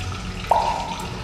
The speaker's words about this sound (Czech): Potok, jak vidíte, zmohutněl.